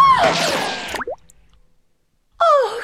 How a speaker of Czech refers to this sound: Kule projela násilníkovou hlavou, až bluňkla do řeky.